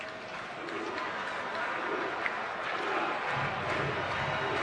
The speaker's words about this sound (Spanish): El público aplaudiendo rítmicamente, haciendo ruido, animando a Zach Nero, el intocable, con el número 9 en la camiseta del uniforme.